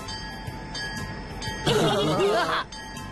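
A voice imitates a steam train's chugging and puffing in a short, loud burst over a steady tonal musical background, with fainter rhythmic bits before and after.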